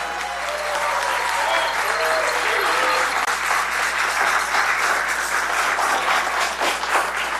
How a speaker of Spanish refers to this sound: Hoy en la mañana igual los bomberos así te aplauden.